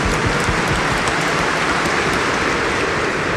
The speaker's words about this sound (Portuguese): E a todas as religiosas, religiosos, a sua Romaria, você que está em casa, com essa salva de palmas calorosa, fraterna, de boas-vindas.